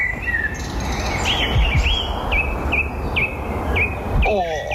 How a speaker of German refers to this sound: da habe ich mal kurz das Handy ausgepackt und habe ein paar Vogelstimmen aufgenommen